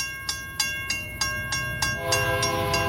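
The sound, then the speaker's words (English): A freight train rumbles past with a steady rhythmic clatter of wheels over rail joints while its horn blares a long, sustained, loud chord, growing fuller toward the end. “A freight train travelling at 100 kilometres an hour can take up to 14 rugby fields to stop.”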